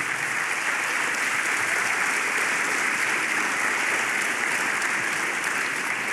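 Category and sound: crowd, audience applause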